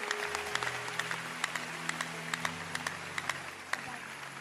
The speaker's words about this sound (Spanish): Clap your hand. Puedes dar aplauso al Señor.